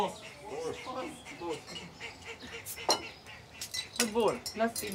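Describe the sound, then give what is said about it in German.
Cutlery and dishes clink a few times at a small traditional farewell meal for everyone, sharp clatters rising over lively overlapping chatter and voices around the table. “jetzt gibt es noch so ein kleines Abschiedsessen für alle.”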